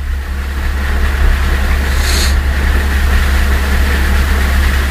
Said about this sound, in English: It's thunder. It ain't gonna get you. It's thunder and it's lightning. If you hear the thunder, then the lightning didn't get you.